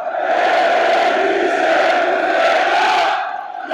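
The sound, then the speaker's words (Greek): A packed crowd in the stands of the Telecom Center indoor arena chants slogans and shouts without pause, everyone shouting. It is a dense, loud roar of many voices holding a steady tone, easing slightly near the end before swelling again. “Τα συνθήματα δεν έχουν σταματήσει, όλοι ένας προς ένα, δεν υπάρχει άνθρωπος ο οποίος βρίσκεται στην κερκίδα να μην φωνάζει.”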